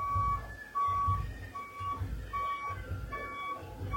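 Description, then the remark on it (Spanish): Street traffic in Lamas during a patronal festival, with a low engine rumble and a truck's reversing alarm beeping steadily about once a second, with no one talking. “Hay bastante tránsito.”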